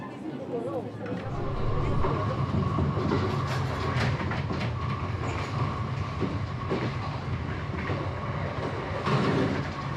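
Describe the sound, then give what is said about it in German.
A moving train in Japan heading out into the countryside rumbles steadily with a dense low roar and faint rhythmic clatter of the wheels, heard from inside the carriage, with indistinct chatter of passengers busy with snacks mixed into the noise. “Die Fahrt geht hinaus aufs Land. Allerdings sind die meisten Fahrgäste mit den Leckereien im Zug beschäftigt.”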